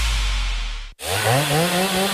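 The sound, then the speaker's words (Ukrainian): A power saw runs loud, a steady motor drone that cuts out abruptly for an instant, then roars back with its pitch revving up and down. “Пилу берем і дриль берем, бо круті знижки в Дніпро-М.”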